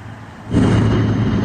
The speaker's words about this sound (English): Where we are in Sterling, Virginia, it's not connected to the electric grid. It has its own power plant, but the issue there is it's noisy and it's right across the street from this neighborhood.